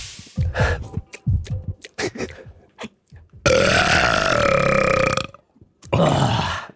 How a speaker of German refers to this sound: Du musst Richtung Tommy rülpsen.